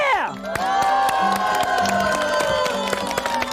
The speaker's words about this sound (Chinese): 用欢呼声的高低来评判，好不好？我们看哪边欢呼声高，准备啊！